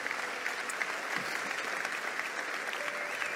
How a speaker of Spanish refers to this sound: Puedes darle un aplauso a Jesús en esta hora.